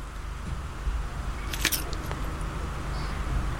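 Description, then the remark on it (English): A single crisp bite into crisp food: a short burst of sharp crackling crunches around the middle, the initial crack, followed by a few faint crumbly ticks against a quiet background. No one speaks. “That was a crunching bit. The initial crack is quite important, I suppose.”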